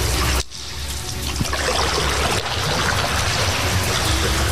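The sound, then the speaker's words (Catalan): Water sloshes and trickles steadily in an echoing underground cistern beneath a parade ground, heard as people go down and board a boat; a continuous wash of lapping and dribbling with no voices, broken by a brief dip near the start. “Ara n'hi ha una mica d'aigua. I baixem, i entrem, i pugem a la barca.”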